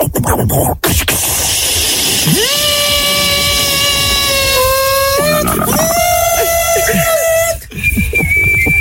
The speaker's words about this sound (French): Allez, cocotte minute, on prend.